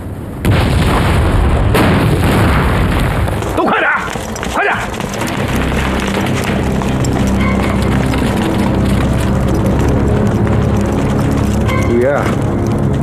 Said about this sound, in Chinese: 怎么回事啊？什么东西爆炸了？ 不是谁往我院子里扔了颗手榴弹？